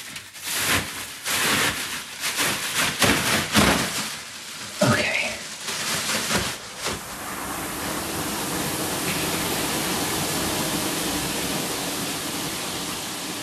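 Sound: shower water running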